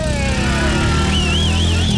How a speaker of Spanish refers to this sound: ¿Realmente sabe qué hizo Suzuki? ¿Qué dijo? Nos mandó el sonido exacto de la moto que usted se va a ganar. Óyalo. A ver, esa es una moto. Sa. Venga. Oiga, ahí le está bajando los cambios. Claro, la agarra el cambio. Y arrancó. Se fue.